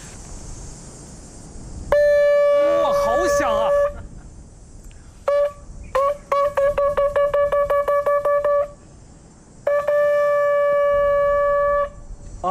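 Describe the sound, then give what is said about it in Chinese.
A loud mouth-blown horn, blown with the corners of the mouth and used to call macaques down to feed, sounds a long steady blast, then a run of short rapid toots, then another sustained blast, all on one bright, buzzy mid-high note. “这个声音特别的大，因为刚才我刚好是对着这个喇叭口的位置哈， 对 啊，都能够感觉到这个声浪了。”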